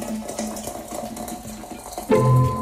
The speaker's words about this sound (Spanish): Empieza esta sección llamada Tecito Informativo con este sonido que es la pavita hirviendo.